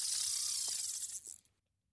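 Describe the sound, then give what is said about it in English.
A fishing reel whirs as line is cast out into the water: a steady, high-pitched buzzing spin that runs for over a second, then slows with a few faint clicks and stops. “Well, that sounds like someone casting a line into the water.”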